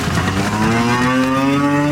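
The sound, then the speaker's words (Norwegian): A long, loud cow moo as cows are let out of the barn after a long winter indoors, at a farm in Bardu, Troms, Norway: a single drawn-out low bellow whose pitch slowly climbs as it carries on, with no talking over it. “For etter en lang vinter inn i fjøsen, kan kyren til bardubonden”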